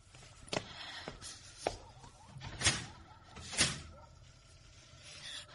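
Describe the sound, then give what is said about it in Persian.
A door is pushed shut, followed by a series of sharp clunks and clicks as the lock is worked, spread over several seconds in an otherwise quiet room. “میدونم ایرینا نیکولایونا اینجاست، در قفل کن.”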